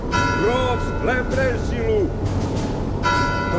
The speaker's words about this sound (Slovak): Veľký zvon oznámil, že sprievod vyšiel z Tauru.